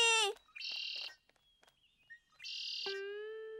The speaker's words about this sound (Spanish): ¡Guau! No es tan buena que me parece que es algo familiar. ¡Aquí! ¡Esa es la canción del Mirlo! ¡No, es mía! ¡La acabo de crear!